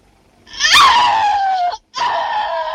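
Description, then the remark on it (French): A woman screams loudly in a piercing, high-pitched voice that slides downward, breaks off for a split second, then picks up again and holds steady; a shower-scene scream, take 28, from a De Palma film. No one speaks. “Après plus d'une heure d'enquête, de bandes magnétiques, de montage et de faux semblants, De Palma nous invite discrètement à nous souvenir de ce cri.”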